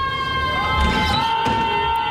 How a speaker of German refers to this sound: In Schweden haben Studierende einen besonderen Umgang damit gefunden. Sie schreien aus dem Fenster.